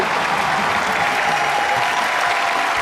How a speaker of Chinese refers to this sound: 我还这么告诉你、 啊， 咱们此时此刻站在舞台上也得等。 等什么呀？ 掌声啊！